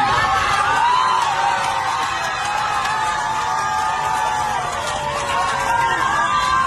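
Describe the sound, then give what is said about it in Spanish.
A packed crowd of passengers on a plane shouts and cheers nonstop, many overlapping voices whooping and yelling together at a steady, loud level. “Además dijo, se callaron, estaba toda la gente gritando y como les habla el capitán, silencio, silencio, y terminó.”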